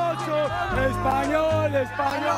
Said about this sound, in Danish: Ja, hvis man skal være i tvivl, hvis man er i tvivl om, hvad det her det er, så lyder det jo unægteligt som noget spansk jubel. Det er simpelthen lige præcis det der, fordi kampen den endte jo 2-0 faktisk til Spanien.